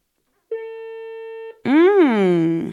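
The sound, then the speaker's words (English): A single steady telephone ringing tone sounds for about a second over the line, then stops and a voice comes in speaking briefly, as if someone answers. “It's ringing.”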